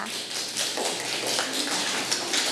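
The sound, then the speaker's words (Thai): A group of children in a class clap their hands for a classmate who answered the teacher's question, in a dense, scattered patter of sharp taps lasting a couple of seconds, fairly steady in loudness with no talking. “หนาวเก่งมากลูกปรบมือให้เพื่อนค่ะ”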